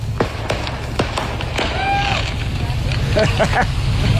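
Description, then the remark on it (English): Fireworks from a load of firecrackers that caught fire on a freeway pop and bang repeatedly in sharp, irregular bursts, with a brief whistling screech midway, over a steady low rumble and faint background voices, while traffic is stopped in both directions. “And then the fire brigade had to stop all the traffic in both directions while all the fireworks went off.”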